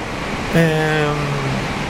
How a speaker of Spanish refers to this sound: Y nunca habíamos notado este efecto maravilloso de la lluvia pegando en el techo de... Hermoso. Casi siempre el que más le gusta la lluvia es el techo de zinc. O de chapa. De chapa.